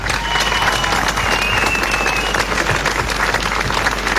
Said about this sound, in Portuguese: Festival de Jazz Lalé, para quem eu peço uma grande, grande salva de palmas.